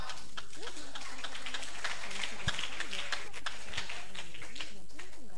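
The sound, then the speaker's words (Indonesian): A crowd of young people claps steadily for about five seconds at a speaker's request, a dense wash of overlapping hand claps with a few sharper smacks, while scattered voices call out and chatter beneath it. “Tepuk tangan dulu.”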